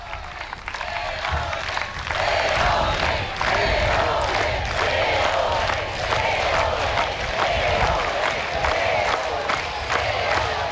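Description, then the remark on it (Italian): A large crowd of faithful on Lampedusa applauds the Pope after he receives a gift from the mayor, a dense wash of clapping that holds loud and even throughout, with a few rhythmic pulses and scattered voices cheering underneath. “sta ricevendo l'applauso dei fedeli dopo aver ricevuto il dono.”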